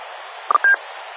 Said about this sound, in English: What I'm looking at is there all the time, and it kind of sounds like the interference when you were doing low signal over the repeater, but it's on the one that's got a... a wider frequency spacing. It's there all the time here at my spot.